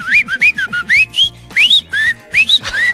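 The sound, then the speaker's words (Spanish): A person whistles a quick, trilling run of rising chirps, imitating a goldfinch's song. About a dozen bright notes come in close bursts, loud, with no talking. “Ese es un jilguerillo que les chifla.”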